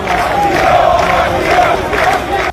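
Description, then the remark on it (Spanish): A large crowd of about 200 Moroccans on the Trampolín beach in Ceuta, holding Spanish flags, shouts "asilo" (asylum) in unison, loud voices rising in repeated rhythmic bursts roughly every half second over a constant roar of many people. “Con banderas de España gritan asilo, asilo.”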